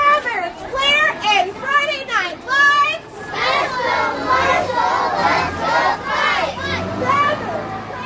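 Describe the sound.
About 160 first graders from Spain Howard Primary School in Marshall shout in unison as they take a homecoming lap around Marshall Square to rally support for the Owls before the homecoming game against Kirksville. Their high-pitched voices rise in loud rhythmic bursts, then blend into a continuous, excited group cheer.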